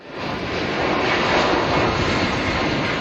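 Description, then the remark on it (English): A loud, steady jet roar fills the whole recording, a broad sustained rumble of a passenger plane taking off from the Canary Islands, heading for Bagotville, Quebec, holding constant for a few seconds with no voices. “That's the sound of their plane taking off from the Canary Islands.”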